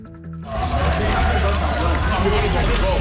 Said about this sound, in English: The sound from St. Clair Avenue on Saturday night as police officers rushed to the scene. Two people were killed, four others wounded, in an exchange of gunfire at the packed Salsa Festival. Thousands were sent scrambling for cover.